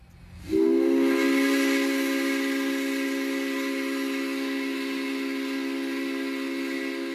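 The coal mine steam whistle of Wonthaggi, Gippsland, Australia, sounding its lunchtime signal, blows one long, loud, sustained blast, starting abruptly after a brief hiss and holding a steady rich tone with a breathy hiss underneath, no voices present.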